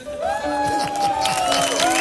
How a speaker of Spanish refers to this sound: Fuerte aplauso para Don ….